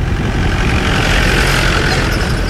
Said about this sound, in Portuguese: conduz o jipe que entra devagar aos solavancos pelo único caminho de terra que atravessa Corno de Bico, como sinaliza a placa de madeira que fica para trás.